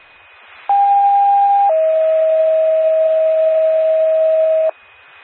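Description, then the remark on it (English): A loud, steady two-tone alert from a test of the McKibben County 911 paging system: a higher pure tone holds for about a second, then drops to a slightly lower tone sustained for several seconds before cutting off cleanly. “This is a test of the McKibben County 911 paging system.”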